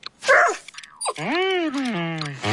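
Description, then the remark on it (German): A dog with fleas, scratching itself, whimpers and yelps briefly, then lets out a long, drawn-out whining howl that rises and slowly falls in pitch, with no talking. “Oh je, Hund, du kannst ja gar nicht spielen, weil du dich so kratzen musst.”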